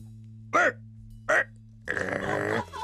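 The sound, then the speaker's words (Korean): A person performs a newly presented, practiced dog impression: two short, voiced barks spaced apart, then a longer drawn-out whining howl, all over a faint steady low hum. “이번에 새로 선보인 그 개 성대모사 연습은 잘했어?”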